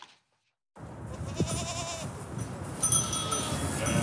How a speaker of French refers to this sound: Pour débroussailler l'hectare d'espace vert de la cité HLM du Missiessi, le bailleur social Toulon Habitat Méditerranée a préféré les bêlements des moutons et chèvres au bruit des tondeuses et tronçonneuses.